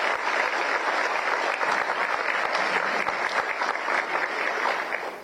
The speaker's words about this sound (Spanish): Así que vaya también un aplauso para la Madre Patria con cuyo rey estuvimos.